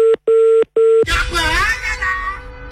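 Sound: telephone dialing tones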